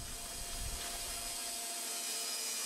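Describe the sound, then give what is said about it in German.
A large saw in an in-house sawmill starts up and roars loudly and steadily while cutting spruce logs into planks, a dense mechanical whine with a low rumble that drops away partway through. No one speaks. “Danach zeichnet er die Bohlen ein und startet die Säge.”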